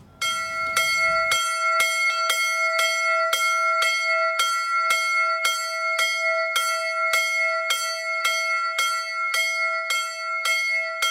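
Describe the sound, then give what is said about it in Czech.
The small bell Anton of the chapel of St. Leonard in Chlupatá ves, near Horní Stropnice in the Novohradské hory, South Bohemia, Czech Republic, rings alone in quick, steady strokes, each bright metallic clang blending into a sustained ringing hum that carries through the whole stretch. “V tamní kapli svatého Linharta zní malý zvon Anton.”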